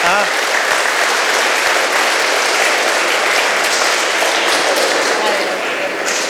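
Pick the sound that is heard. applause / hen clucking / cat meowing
applause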